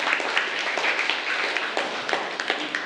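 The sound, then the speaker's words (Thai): A group of students in a classroom claps together for group 1 at the teacher's request, a steady crackling patter of many hands lasting a few seconds with scattered sharper claps standing out. “เมื่อสักครู่ครูตรวจสอบแล้วอ่ะกลุ่มที่1ปรบมือให้กลุ่มที่1ด้วยค่ะ”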